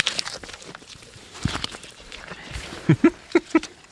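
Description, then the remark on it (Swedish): Swedish Landrace pigs smack and chew wetly while eating, a steady patter of small clicks and slurps that ends in four louder, sharp smacks in quick succession. No one speaks. “Hörs du vad det smaskar?”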